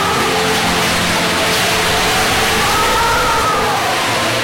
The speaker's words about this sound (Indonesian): Malam itu hujan turun dengan deras, disertai angin bertiup kencang.